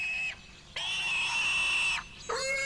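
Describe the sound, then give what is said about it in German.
A pig squeals loudly in three shrill, sustained bursts as it is dying at Caltrap, a bacon maker, the long middle cry dropping in pitch at its end, with no voices around it. “Caltrap macht den besten Speck hier. Trotzdem stirbt da gerade was.”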